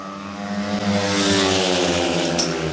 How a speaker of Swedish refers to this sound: Det är mycket följa John Speedway här idag. Lejonen leder med 5-1 in på tredje varvet. Dackeförarna hänger inte riktigt med. Dackarna ledde ju inför det här hitet, men nu är det Lejonen som leder med 5-1.